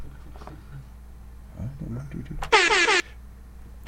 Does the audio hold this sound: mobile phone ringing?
no